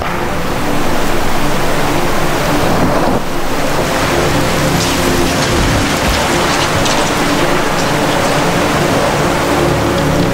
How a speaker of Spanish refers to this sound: Incluso los árboles robustos y antiguos no pueden con la fuerza de estas aguas.